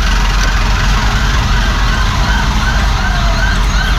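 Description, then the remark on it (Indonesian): An ambulance siren, the ambulance under police escort, wails in steady rising-and-falling sweeps above a loud, continuous low rumble of heavy, crawling traffic near the Grand Mercure. No one speaks. “Ada pengawalan juga dari ambulans gitu. Polisi mengawal ambulans maksudnya.”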